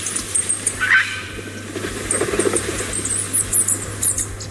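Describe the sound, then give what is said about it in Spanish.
Two Bonelli's eagles, a female and a male, flying in Navarra, call in thin, high squeals, a scatter of brief chirps repeating irregularly over a steady wash of background noise and a low hum. “El sonido de la vida en Navarra podría ser este, el sonido de dos nuevas águilas de Bonelli que vuelan ya por Navarra antes de emprender su vuelo hacia otras zonas, dispersarse.”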